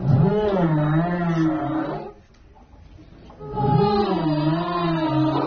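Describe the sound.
Girls from the Maîtrise de Radio France choir imitate humpback whale song in long, wavering, moaning tones: two sustained phrases that swoop up and down, separated by a brief quiet pause, fairly loud.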